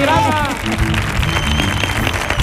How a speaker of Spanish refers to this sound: Así que un aplauso para nuestro público de esta tarde.